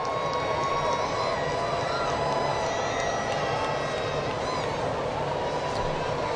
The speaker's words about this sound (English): He's from Atlanta, like we mentioned earlier, and you could hear a pretty strong section of the stadium cheering for him. That's certainly his family and friends.